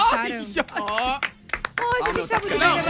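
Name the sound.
hands clapping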